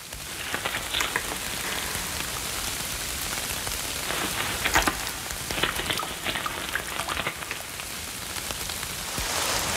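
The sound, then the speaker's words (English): Steady rain patters on the broad, heart-shaped leaves of butterbur, a dense hiss of drops with brighter splashes scattered throughout, continuous and fairly loud with no voices. “When rain is collected by its broad leaves, it flows down the grooved leaf stalk.”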